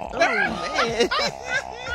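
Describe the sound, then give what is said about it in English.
A throaty, rasping growl, like an engine sputtering as it cranks, made by a human voice in several rising and falling surges over two seconds, loud. “Sound like a lawnmower throw that ass. Growling, man.”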